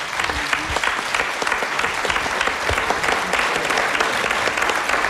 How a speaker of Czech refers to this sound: velký potlesk. Děkujeme ti.